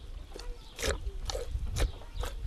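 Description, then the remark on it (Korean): Dzo, a cow-yak crossbreed kept in a highland area, chew feed while being milked: five or so rough, crunching bites at a loose, steady rhythm over a low background rumble, with no one speaking. “한쪽에선 밥을 먹고 다른 한쪽에선 젖을 짜고 있습니다.”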